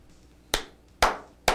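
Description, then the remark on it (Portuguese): Three slow, deliberate, sarcastic hand claps, evenly spaced about half a second apart, sharp against a quiet background with no voices. “Palmas para um país assim.”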